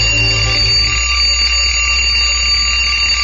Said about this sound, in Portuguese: Colocou o relógio a despertar?